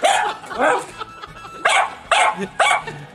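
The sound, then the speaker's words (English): A dog barks repeatedly in sharp, loud bursts, about five barks spaced unevenly over a few seconds, with no other sounds around them. “Sounds like my dog.”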